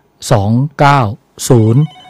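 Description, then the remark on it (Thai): A telephone rings with an incoming call from a listener in Bangkok phoning in to a health advice radio show: three short, loud, buzzy tonal bursts in an even rhythm, separated by brief pauses, clear with no talking. “ผู้ฟังโทรมาแล้วนะครับ”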